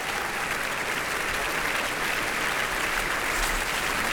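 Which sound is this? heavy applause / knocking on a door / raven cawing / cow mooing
heavy applause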